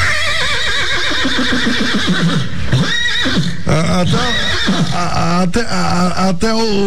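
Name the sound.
horse neighing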